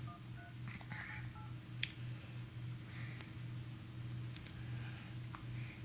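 A quick run of short touch-tone keypad beeps as a phone number is dialed to call someone, one after another, fairly quiet over a steady low electrical hum, followed by a few scattered clicks.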